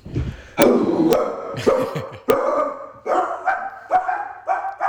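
A dog barks loudly and repeatedly, starting with a few sharp, harsh barks and settling into a steady run of higher, more tonal yaps. No one speaks.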